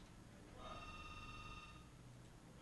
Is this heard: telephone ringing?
yes